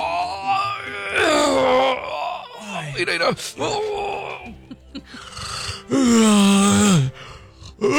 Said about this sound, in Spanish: Pero es que de repente me entran así como unas ganas de bostezar y...